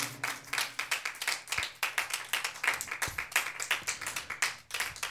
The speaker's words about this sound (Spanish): Aleluya. Démosle palmas a Dios, hermano. Amén.